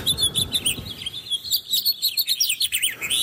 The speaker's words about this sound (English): And the house finches are chirp here.